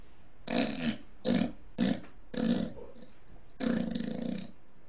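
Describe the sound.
A person imitates a pig, letting out five raspy, snorting grunts in a loose rhythm, the last drawn out longest, fairly loud with no other sounds around them.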